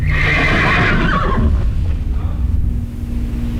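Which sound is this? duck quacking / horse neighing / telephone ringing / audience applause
horse neighing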